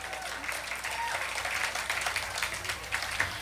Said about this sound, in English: round of applause.